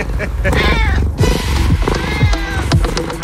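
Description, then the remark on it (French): A cat that has just come out meows in drawn-out, wavering cries that rise and fall, fairly loud, mixed with a busy background of voices and low rhythmic sound. “Ah, ça y est, il est sorti le chat.”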